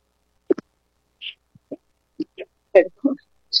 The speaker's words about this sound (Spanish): Que los estornudos casi no me salen, pero esto era lo que estaba haciendo.